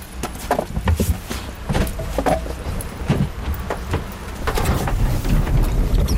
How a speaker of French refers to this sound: On remarque que le moteur part au quart de tour.